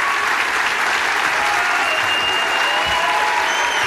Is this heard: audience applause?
yes